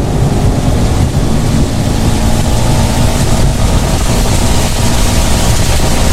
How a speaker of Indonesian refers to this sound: Hujan nih, aku ngebut ya.